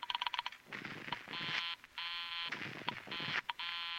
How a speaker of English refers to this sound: As she dialed, I tried to duplicate it with my phone. She dialed. And I dialed. I was just one number behind her all the way. When she was through dialing, I held off dialing the last number on my phone until she got an answer. And then I let it go.